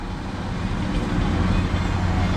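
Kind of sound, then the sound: vehicle, heavy highway traffic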